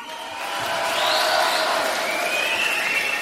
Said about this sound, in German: Und mit mir haben sich Unmengen von Schülern, besonders Schülerinnen, versammelt und klatschen schon wieder wie die Irren hier.